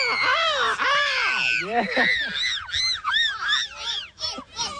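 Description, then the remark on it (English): Several voices imitate a cockatoo's squawk at the end of a team chant, letting out a string of loud, harsh, rising-and-falling screeches in quick succession for about five seconds. “And do a cockatoo squawk at the end, I reckon.”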